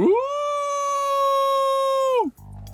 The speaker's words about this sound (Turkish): Umarım köpekler mutlu olmuştur. Bir dahakine lütfen insan kıyafetlerinizle gelin, çünkü bana havlanması hoşuma gitmiyor. Hiç sevmem.